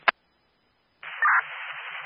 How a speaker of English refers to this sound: Captain, this is 9 Yankee, you're loud and clear with a little white noise.